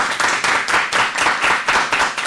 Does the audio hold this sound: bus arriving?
no